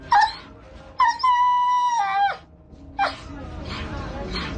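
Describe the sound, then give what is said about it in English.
Dogs whimper and whine up close: a short cry, then a long, wavering howl of over a second, followed by another brief yelp amid rough background noise. “Dogs they say they have rescued that are starving, that are badly injured.”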